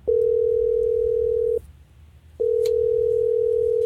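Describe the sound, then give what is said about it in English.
A phone line ringing on the caller's end as radio hosts place a call: two long, steady electronic tones separated by a short pause, clear and prominent over a low background rumble, with no one speaking. “right now we're about to call Julia and see what went wrong on the date”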